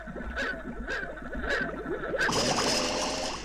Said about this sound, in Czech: A já bych potřeboval, kdybys vzal kousek stébla a nafoukal do nádrže trochu bublinek. Ano, jistě, hned do sirupu bublinky a do nádrže vosu.